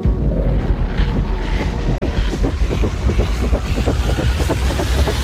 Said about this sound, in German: Die Gegner vom Projekt reden unter anderem von grossen Schatten, die Windräder werfen, von Rodungen und von Lärm. Auf ihrer Webseite tönen die Windräder so da.